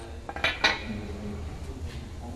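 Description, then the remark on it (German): Two sharp metallic hammer blows land in quick succession, stamping the letter U into a small metal shopping-cart chip with a drilled hole, each with a bright, brief ring before fading into a low steady background hum. “Dann macht man mit einem starken Schlag. Ist ein U drin.”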